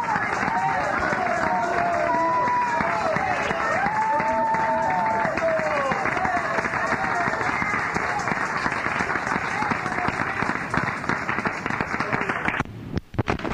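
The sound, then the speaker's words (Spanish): An audience at a church service applauds loudly and steadily for about twelve seconds as an applause to Christ. Voices call out over the dense clapping before it breaks off abruptly near the end. “¡Otro aplauso a Cristo, hermanos!”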